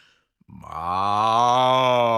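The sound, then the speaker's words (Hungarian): A cow gives one long, loud moo: a low, steady, droning call that swells quickly and holds for nearly two seconds, with no talking. “A tehén hangosan bőgi.”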